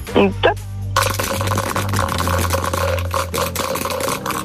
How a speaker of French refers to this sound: case numéro 1, je vous donne les dés. C'est à vous de les lancer.